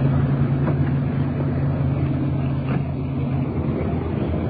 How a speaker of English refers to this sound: Getting the car off the street.